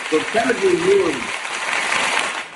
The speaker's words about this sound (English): Look, you even got some hand claps.